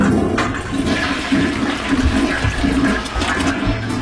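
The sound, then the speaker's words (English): A toilet flushes loudly, a steady rushing gush of water filling the whole few seconds with no voices present. “Oh, that reminds me. MAE Toilet and Shower Hire now do recycling.”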